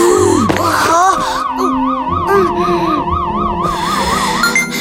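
A heart rate monitor alarm blares in a continuous, rapidly warbling electronic tone, loud, running the whole time alongside a busy mix of rumbling and whooshing sounds.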